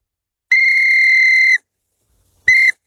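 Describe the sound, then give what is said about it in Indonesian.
A small whistle is blown twice: a loud, shrill, steady tone lasting about a second, then a shorter blast after a brief pause. No one speaks. “Kata ayah, kalau aku tiup peluit ini, ayah pasti datang.”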